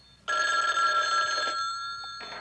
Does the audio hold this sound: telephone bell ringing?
yes